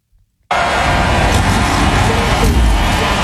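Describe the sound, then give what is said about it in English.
A sudden roar of many race car engines firing up at once after the start-your-engines command, sustaining a dense, rumbling wall of noise that mixes with what sounds like a cheering crowd, picked up off-mic and only faintly audible. “Can you hear it? The cars are starting.”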